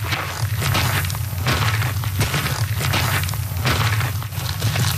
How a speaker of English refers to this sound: The sound of boots on a trail, something our next guests are very familiar with. They are walking across the country.